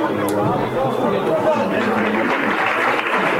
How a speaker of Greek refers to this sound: Χειροκρότημα για τον Τζόρνταν Σίλβα, ο οποίος με κεφαλιά ψαράκι γύρισε πίσω στον Νίκο Παπαδόπουλο.